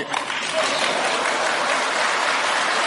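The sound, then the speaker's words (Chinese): Sustained audience applause at a xiangsheng (crosstalk) comedy show, a dense wash of many hands clapping steadily at a fairly loud level for the whole stretch, with no pauses or clear individual claps standing out. “哎呀，好嘛，您这一鼓掌，他让我唱一宿。”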